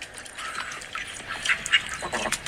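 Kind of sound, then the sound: bird, call duck quacking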